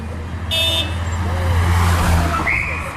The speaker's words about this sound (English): Three identical black Mercedes limousines closely followed each other, carrying and concealing Chile's former tyrant, Augusto Pinochet Ugarte.